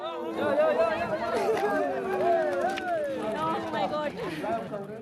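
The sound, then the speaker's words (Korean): A crowd of spectators cheers and shouts at a horseback ball game, many overlapping voices rising and falling in a loud, continuous roar of excitement. “좀처럼 양보 없는 추격전이 이어지고 관중들의 열기도 더해지는데요.”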